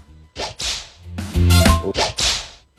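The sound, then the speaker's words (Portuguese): A whip swishes and cracks several times in quick, uneven succession, loud, each snap preceded by a brief whoosh, with no talking. “O Chicote estrala. Ó.”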